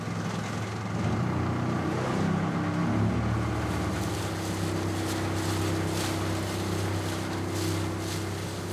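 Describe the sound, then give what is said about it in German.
A motorboat engine runs steadily with a low, droning hum and throbbing harmonics, joined by a broad wash of water and wind noise, as a found, empty 4-metre red motorboat is tied alongside and brought into the harbour of Poros; no one speaks. “Er macht das Motorboot längsseits fest und bringt es in den Hafen von Poros.”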